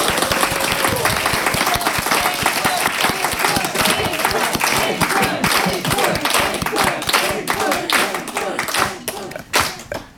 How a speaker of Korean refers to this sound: 그리고 연주자들께 다시 한번 박수를 보내고 싶습니다.